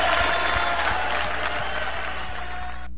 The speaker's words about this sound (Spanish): ¡Aplausos, señor!